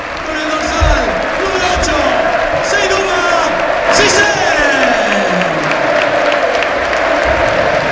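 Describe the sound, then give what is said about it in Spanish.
The standing crowd at Leganés' Butarque stadium applauds steadily for several seconds as Seydou Batissé is substituted off for Óscar Plano, a dense, continuous wash of clapping with a murmur of cheering voices underneath, staying loud and even throughout. “La gente le aplaude, pues, jolín.”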